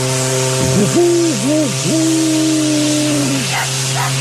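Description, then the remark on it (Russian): A loud steamship horn from a white steamboat at a resort pier blows in one long, wavering blast, its harmonic tones sliding and dipping before holding steady, then cutting off, over a constant low engine hum and hiss. “Фу, как труба противно лает.”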